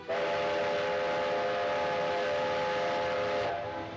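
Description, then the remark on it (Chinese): A steam train's whistle blows loud and steady for several seconds over a continuous hiss and rumble, then cuts off near the end, with no voices present; the train is carrying crates of oracle bones by railway toward Nanjing. “铁路恢复运行，甲骨箱也被装车运往南京。”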